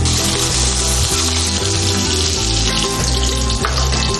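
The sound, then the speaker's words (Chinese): Shelled shrimp are pan-fried in hot flavored oil made with star anise, garlic, ginger, scallion and shrimp heads, sizzling steadily in a loud, continuous crackling hiss, with faint scraping clinks from a utensil stirring the pan. “好，捞出来，煎一下虾仁。”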